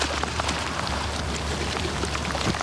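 Heavy rain from a storm with hellish wind and raging waves at the shore pours down in a steady, dense roar, with scattered sharper drops pattering on a surface and a low rumbling underneath. No voices are heard.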